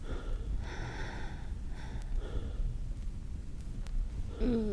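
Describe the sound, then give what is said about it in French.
Heavy panting: a run of loud, ragged breaths in and out, like someone badly winded, over a low background rumble, ending with a short voiced sound. “Le premier pas, coucher, essouffler.”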